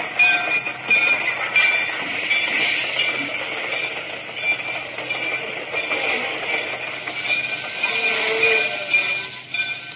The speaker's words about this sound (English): I left Dendridge's room, found Norris, and hustled him into one of the baggage cars, and we stayed there until the train made its first regular stop.